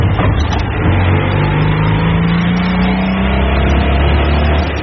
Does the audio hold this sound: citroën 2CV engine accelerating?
yes